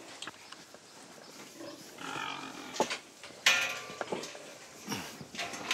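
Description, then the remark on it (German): Pigs grunting and snorting as they are driven out of their pen so it can be mucked out, a string of rough, low, uneven grunts with a few sharper squeals and a brief clank, moderately loud, with no one talking. “Schweine sind kluge Tiere.”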